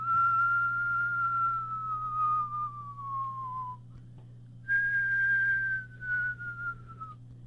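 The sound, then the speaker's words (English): Two long, steady whistled tones from a person, each gliding slowly downward in pitch, separated by a brief pause, clear over a low constant hum. “So he whistled.”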